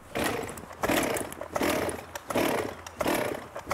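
A chainsaw engine sputters through repeated starting attempts, including a third attempt, with loud rasping bursts coming in a steady rhythm about every second and no voices.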